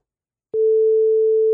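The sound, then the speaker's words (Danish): A steady telephone ringback tone of an outgoing call to a radio quiz participant starts after half a second of silence and holds as one continuous, clear electronic tone, with no voices present. “Skal vi ikke lige prøve at ringe til en?”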